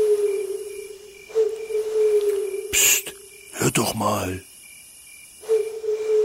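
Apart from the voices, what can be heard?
owl hooting at night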